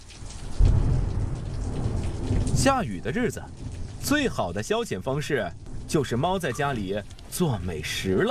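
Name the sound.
rain falling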